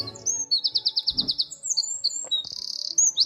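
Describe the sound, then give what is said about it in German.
A wren's loud, high-pitched song pours out in rapid bursts, with a fast rhythmic run of repeated notes and a buzzing trill, clear with no talking. “Mit dem Triller verzaubert er unseren Morgen. Das wäre ein Zaunkönig.”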